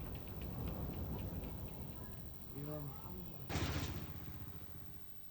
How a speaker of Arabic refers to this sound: أفادت مصادر محلية بشن الاحتلال الإسرائيلي غارة استهدفت منطقة علي الطاهر جنوبية لبنان، وأظهرت مقاطع مصورة حدوث انفجار جراء الغارة الإسرائيلية في المنطقة المستهدفة.